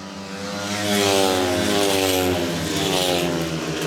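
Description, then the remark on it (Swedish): Speedway motorcycles roar loudly and continuously around the track in a heat between Lejonen and Dackarna, with Zerniak and Drabik of Lejonen leading into the third lap, their high-revving engines blending into a steady, droning whine that swells slightly and holds strong throughout. “Lite följa John Speedway här. Zerniak i täten, två Dacke-förare längst bak.”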